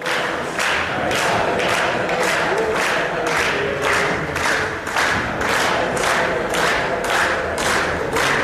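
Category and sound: crowd, crowd chanting football cheer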